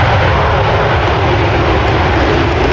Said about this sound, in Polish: 5 kolejnych najnowocześniejszych myśliwców świata F-35 jest już w Polsce. Po południu wylądowały w Łasku.